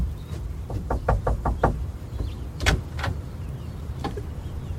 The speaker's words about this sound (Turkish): Kapıcı dairesi burası olmalı. Anahtarları isteyelim. Kapıyı çal Petrocho.